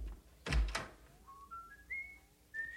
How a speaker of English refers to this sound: Nice to hear you whistling again. And I'm whistling because I love you.